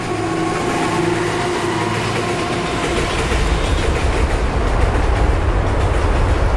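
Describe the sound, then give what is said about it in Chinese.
A train rumbles past on one of three operating railway lines beneath the Longyan Bridge construction site, a steady loud roar with rhythmic wheel clatter that grows heavier and lower partway through, no voices present. “而铁路部门的底线则是，在火车驶过时，上方绝不允许施工。”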